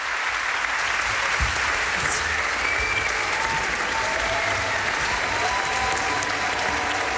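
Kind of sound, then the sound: crowd, audience applauding musicians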